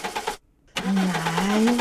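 A car engine cranks but fails to catch: a short burst of grinding starter noise, a brief silent pause, then a longer strained whirring attempt with a rising whine, loud.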